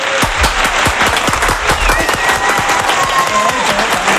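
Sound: applause ovation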